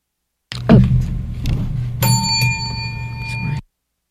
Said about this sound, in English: That was our 7:29:45 bell this week, or this morning. Clock Setters Club of the Air, brought to you by Wallace Pump and Supply.